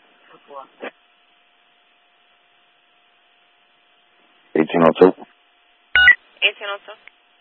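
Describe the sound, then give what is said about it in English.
Telephone dialing tones as someone places a call, coming in short bunched bursts separated by quiet gaps, over a faint steady line tone, with a brief click near the end. “I'm going to go ahead and give them a call.”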